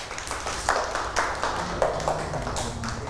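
Children clap their hands in a scattered, uneven patter, a handful of claps at a time rather than steady applause, moderately loud and close, with no one talking.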